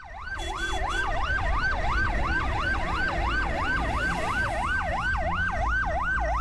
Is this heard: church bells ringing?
no